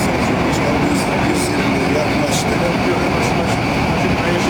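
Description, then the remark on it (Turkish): A loud, steady roar of an Istanbul metro train on the Halkalı–Kayaşehir line moving fast on its first ride with President Recep Tayyip Erdoğan, with faint rhythmic clicks from the rails. Indistinct voices may be buried under the noise. “İki defa biz bu metroda 120 kilometreye çıktık.”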